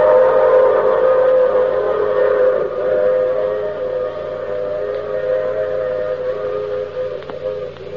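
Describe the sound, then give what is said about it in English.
A train's whistle blows one long, steady, loud wail, its layered tones holding for several seconds and easing off slightly toward the end, with no voices. “Oh, you'll have to get off here, I'm sorry. But I'm sure we'll meet again. I take this same train every week at this same time.”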